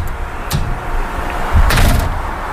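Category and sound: household object, door being opened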